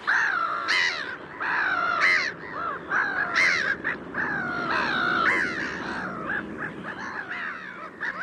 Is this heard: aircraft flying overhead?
no